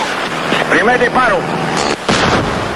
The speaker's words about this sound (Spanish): Primer disparo. ¡Le dimos! ¡Lo retiré! Espérate, para ver dónde cae.